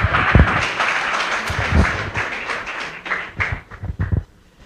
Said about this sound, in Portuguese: Palmas que louva o Senhor, em nome de Jesus.